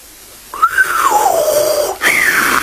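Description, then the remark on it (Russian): A person whistles two clear phrases: a long tone that rises briefly then glides steadily downward, followed after a short break by a second note that swoops up and holds. “Свистнул джинн.”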